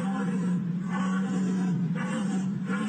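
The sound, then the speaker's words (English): A hunter's deer call blown loudly, a low buzzing drone that holds steady for several seconds, with rough grunting swells pulsing through it roughly every second. “you only want a girl that can deer call.”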